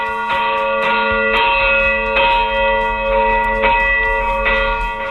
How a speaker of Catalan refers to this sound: En definitiva, és un dels punts del nostre territori des d'on encara es pot gaudir del toc manual de les campanes.